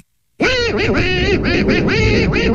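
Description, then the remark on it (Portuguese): After a brief silence, the original Disney Donald Duck voice, created by Clarence Nash, rattles off loud, raspy, quacking gibberish in a steady stream for about two seconds. “Era um locutor que imitava na perfeição animais, especialmente patos, e que lhe deu voz até 1984.”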